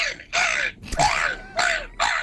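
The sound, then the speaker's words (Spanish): A person at a gull-squawking contest mimics a laughing gull with four loud, harsh, nasal squawks in quick succession, each one a raspy cawing burst with short gaps between. “Gaviota riedora.”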